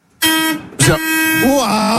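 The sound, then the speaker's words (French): A loud, brassy bus horn, pressed by a guest on the Énergie radio bus in Strasbourg, blares in two quick blasts, the second running long and steady, with voices talking over the end of it. “Il a appuyé sur le klaxon.”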